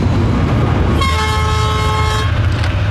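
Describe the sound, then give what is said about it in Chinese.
A train rumbles steadily as it pulls away from a railway station, leaving the station empty, and a long, sustained horn blast sounds for just over a second in the middle. The rumble is loud, with no voices. “至此，这个火车站就空了啊。”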